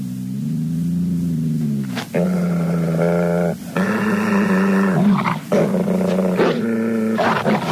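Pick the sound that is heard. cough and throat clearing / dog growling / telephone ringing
dog growling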